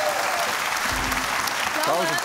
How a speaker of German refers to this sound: Ich glaube, das war der lauteste Applaus, den ich je in dieser Show jemals erlebt habe.